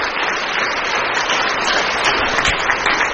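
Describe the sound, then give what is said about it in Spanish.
An audience applauding for the Lord, a dense, continuous wash of many hands clapping at a fairly loud, even level throughout, with no voices standing out. “Aplauso para el Señor que nos da la victoria.”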